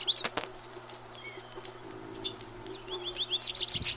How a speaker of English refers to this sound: It is spring. The birds are in full song.